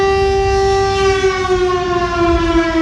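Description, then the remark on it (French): A civil defense siren mounted 60 meters up at the top of a town belfry, set off by a control button at noon, sounds a steady, loud wailing tone with strong harmonics, holding its pitch over a low rumbling background, with no one speaking. “on a un bouton de commande qui actionne la sirène, qui est à 60 mètres d'altitude au-dessus de nos têtes, tout en haut du Beffroi”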